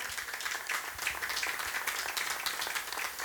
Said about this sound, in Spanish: Amén. Gloria y palmas al Señor. Gloria a Dios.